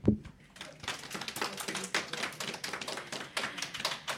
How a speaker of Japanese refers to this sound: 拍手が沸きました。